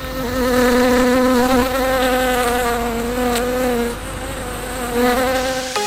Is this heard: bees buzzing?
yes